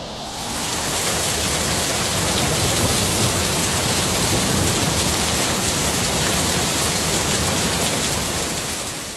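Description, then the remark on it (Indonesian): A thunderstorm's steady, heavy downpour hisses continuously, with a deep low rumble running underneath. It fades in at the start and out at the end, with no voices. “Itulah asal mula kilat dan petir.”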